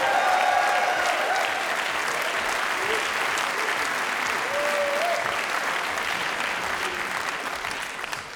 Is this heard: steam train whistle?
no